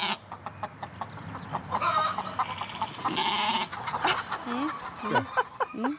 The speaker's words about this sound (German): Wie viele Hühner sind denn das hier? Das sind knapp 300, nicht mehr 300, ne? 200.